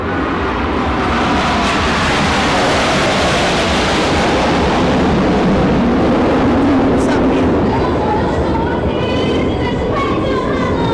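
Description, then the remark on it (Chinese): The Thunder Tigers aerobatic jet team roars overhead in formation, passing over the Presidential Office Building while releasing blue, white and red smoke, a loud, broad rushing noise that swells and holds steady for about eleven seconds without letting up. “雷虎小组将释放蓝白红三色胜利彩烟，从总统府上方通过。”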